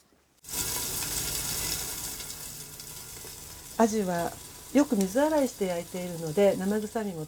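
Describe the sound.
Fish frying in a lidded frying pan over medium heat with a teaspoon of oil, fried for 3 minutes until light brown, gives a steady, bright crackling sizzle that starts abruptly and continues throughout, with a person talking over it during the second half.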